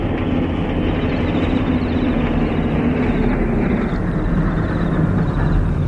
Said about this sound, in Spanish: El transporte de gran tonelaje se acerca al vagón, dando tumbos entre los hoyancos y arbustos que flanquean la vía del ferrocarril.